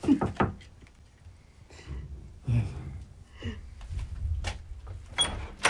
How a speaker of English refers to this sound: Knock. Knock.